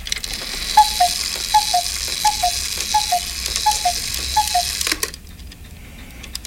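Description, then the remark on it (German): A cuckoo clock calls six times, each a clear two-note cuckoo stepping down in pitch, evenly paced over a faint mechanical hiss, then a sharp click and near silence. “Das sind Kuckucksuhren.”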